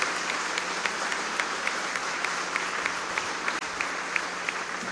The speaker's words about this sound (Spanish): Para mí es una alegría, un honor haber presidido esta Santa Eucaristía en honor del Divino Salvador del mundo y de los 30 años de esta querida parroquia. Un aplauso a todos ustedes, parroquia Salvador del Mundo.